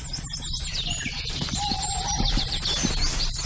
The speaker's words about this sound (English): I do know that's an owl.